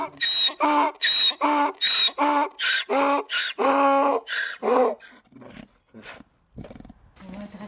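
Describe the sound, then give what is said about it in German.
A donkey in the village of Amasine, Morocco, brays loudly in a long run of harsh, rhythmic hee-haw calls, about a dozen strained pulses, before trailing off into quieter wheezing gasps and brief rustling. “Es sind die Esel, die man hier hören kann, und keine Motorengeräusche.”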